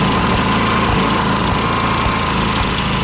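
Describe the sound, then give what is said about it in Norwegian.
A power generator runs steadily, its engine droning with a low rumble and a constant mechanical hum that never changes pace. “Det tror jeg er aggregatet som står og går.”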